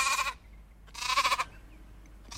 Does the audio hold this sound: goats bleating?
yes